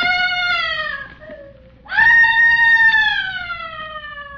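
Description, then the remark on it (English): Loud, high-pitched screaming in two long wailing cries, the first sliding downward and fading, the second leaping up sharply and held before slowly trailing off, with no talking. “Where is that screaming coming from?”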